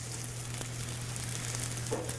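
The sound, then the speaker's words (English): Green onions stir-fry in a little oil in a pan on high heat, a continuous, even crackling sizzle at moderate volume with a faint low hum underneath and no voices. “Now you have to put green onions in this recipe. It just makes it so delicious. I'm going to hear it sizzle.”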